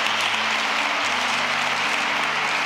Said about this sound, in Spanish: Porque la iglesia es perfecta. Denle un aplauso a la iglesia de Cristo.